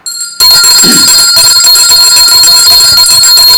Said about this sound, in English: I have to ring the bell.